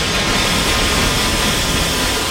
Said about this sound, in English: Sorry, the glass dumping's loud. It was super loud in there. We had these headphones on because the sound was really intense.